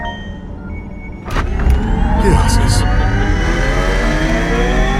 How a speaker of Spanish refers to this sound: ¡Auto! ¡Avanza! Gracias, auto.